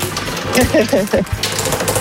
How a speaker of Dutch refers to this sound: mag je nu gaan draaien aan het Rad van Fortuin. Daarop zitten de prijzen. Jij mag bepalen of het linksom of rechtsom mag gaan, dat rad. We gaan linksom. Linksom, hard of zacht? Hard. Hard. Dat was duidelijk.